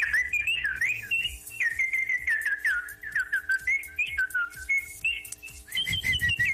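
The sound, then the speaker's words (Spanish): A person whistles a continuous, wavering melody, the bright tone gliding and trilling for several seconds with brief breaths between phrases and faint tapping underneath. “Yo no sé chiflar, maestra. Enséñeme clases de chifladología.”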